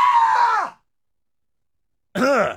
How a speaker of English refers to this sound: I'm a hardcore shock jock radio bad boy who just screamed like a little girl into the live stream camera.